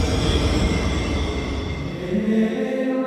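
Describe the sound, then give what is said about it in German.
A museum railway train on the Erzgebirge scenic railway (Erzgebirgische Aussichtsbahn) in Germany rumbles steadily along the tracks, a dense low clatter of wheels filling the sound, with faint tonal squeals rising near the end as it rolls on. “Alle Infos zu Veranstaltungen und den Fahrzeiten der Museumsbahn”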